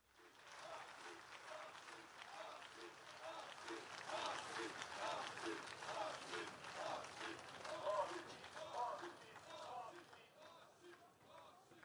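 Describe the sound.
A large crowd applauds steadily while voices rise in rhythmic chanting for Bossi, a dense, sustained roar of clapping and shouting filling the space throughout, fairly loud, at a gathering before speeches from the stage.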